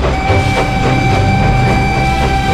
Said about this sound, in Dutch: De trein. Ik reis er graag mee. Een heerlijke, comfortabele manier van reizen naar bijna alle bestemmingen op het westelijk halfrond.